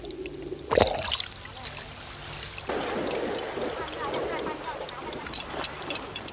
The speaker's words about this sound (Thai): ทะเลเป็นแหล่งอาหารผู้หญิงชาวเลจึงชักชวนกันไปเจาะหอยตามโขดหินริมทะเล